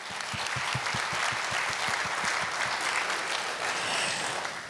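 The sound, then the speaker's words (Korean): A crowd applauds steadily, a dense wash of many hands clapping at an even level for the full duration, with no voices over it. “코로나19 긴 팬데믹 상황에서도 봄꽃처럼 이렇게 화사하게 따스한 온기를 안고 와주신 여러분께 진정한 감사의 박수를 올리고 싶습니다. 박수 부탁드립니다.”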